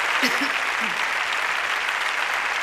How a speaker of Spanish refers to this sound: Pido también, por favor, un fuerte aplauso para la Orquesta Extremadura y su director, Roberto Forés.